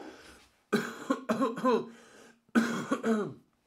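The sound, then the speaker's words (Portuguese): A singer, hoarse after performing a show the day before, coughs in two hoarse, rough bouts of several quick coughs each, separated by a short pause, with no talking. “Nossa, eu tô tossindo porque ontem fiz o show, hoje estou um pouco rouco já.”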